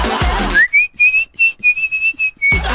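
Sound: person whistling a tune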